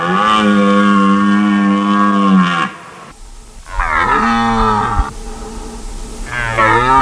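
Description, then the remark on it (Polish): A red deer stag roars during the autumn rut in the mountains, at a rutting ground, calling females and driving off rivals: one long, deep, harmonic bellow followed by two shorter roars, loud, with no talking. “Niedźwiedzie, no nie ryczą o tej porze roku, raczej wypasają się, a teraz jelenie mają swoje gody i samce jelenia ryczy na rykowisku, przywołując samice i odganiając konkurencję.”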